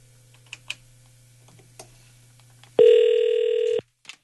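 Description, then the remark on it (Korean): A few soft key clicks over a low steady hum, then a single loud, even ringback tone lasting about a second as an outgoing call from a Far East Broadcasting radio producer to a listener's friend rings, followed by a faint click. “친구에게 전화합니다.”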